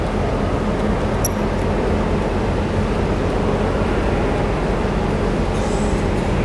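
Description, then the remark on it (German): Model trains run continuously on a coin-operated layout, a steady mechanical whirring and rumble with no pauses, no voices, and a faint brief high tick near the start. “Hier für 1 Euro kann man eine ganze Menge Züge fahren lassen.”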